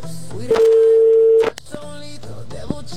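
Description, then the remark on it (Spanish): A single loud, steady telephone ringback tone lasts about a second as a call is dialed to a possible contest winner, heard down a phone line with faint voices and line noise murmuring before and after it. “¡Contesta, papá, contesta!”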